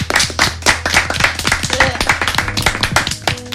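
An audience claps steadily in a dense, continuous burst of applause for a journalist's last news bulletin on a radio show, with many overlapping hand claps at a brisk rhythm and a low background hum underneath.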